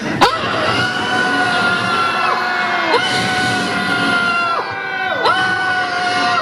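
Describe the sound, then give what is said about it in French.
A large crowd at a rally shouts and yells its anger together in place of a minute of silence, many voices overlapping in a loud, sustained roar with rising cries breaking through, continuous throughout. “J'aimerais bien qu'au lieu d'une minute de silence, on gueule, on crie notre colère, et on est dégoûté et on veut que ça change.”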